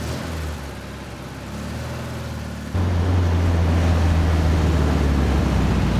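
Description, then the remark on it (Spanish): The small engine of a white convertible Volkswagen Beetle hums steadily as it leaves a garage and drives along narrow, deserted streets in central Madrid, then rises into a louder, throatier rumble partway through, as if accelerating. No voices, just the continuous motor drone. “El joven está al volante de un escarabajo blanco descapotable que sale a la calle. Circula por estrechas calles del centro de Madrid.”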